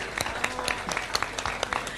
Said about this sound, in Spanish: Y yo les pido un aplauso para recibir a la campeona nacional del asado,